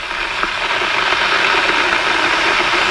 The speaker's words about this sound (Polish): Już nalałam wody do czajnika, zaczyna się powoli gotować.